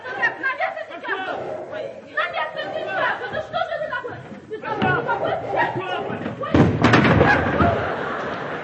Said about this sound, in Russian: Дверь отворилась, и Уги, споткнувшись о порог, растянулся на полу.